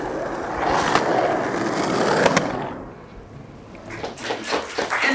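Outdoor beach ambience at Venice Beach, Los Angeles, with skateboard wheels rolling steadily over pavement, a couple of sharp clacks from the boards, then a quieter stretch with scattered light knocks and activity.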